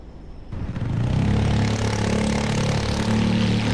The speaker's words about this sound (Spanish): Aquí estoy en la rotonda de San Jorge, a la entrada de Iruña, en la avenida Navarra, y por aquí pasan 40.000 coches, vehículos al día. Y claro, imagínate los vecinos que tienen que soportar o vivir con esta banda sonora.